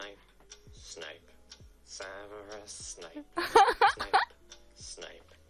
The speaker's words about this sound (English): Serious ticking noise. This formed me as a child. Catchy. He likes the ticking noise, and then he starts singing his own name to it.